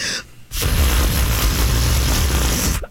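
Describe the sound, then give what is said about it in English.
A voice imitates a fart, as a guess at another person's fart sound, with a loud, buzzy raspberry blown through the lips, held for about two seconds after a brief breathy lead-in, with no talking. “So give your fart sound and see if you can't guess his fart exactly.”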